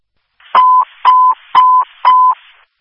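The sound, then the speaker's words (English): A fire dispatch paging tone over the radio, the second tone sending Delhi Fire to a fire alarm at Great Lakes Christian Homes, 2050 Washington Road: four short, identical steady beeps in an even rhythm, loud and clear, each framed by brief bursts of radio static. “Line Fire, Dial Line Fire, Great Lakes Christian Homes, 2050 Washington Road, 2050 Washington Road, cross of Great Lakes Drive, stand by for second tone.”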